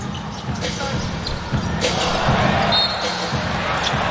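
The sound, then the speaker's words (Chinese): A basketball bounces in a steady dribbling rhythm during a game, a player's own dribble ending in a turnover; its dull thuds mixed into a constant roar of crowd noise and chatter throughout. “自己运球是失误了。”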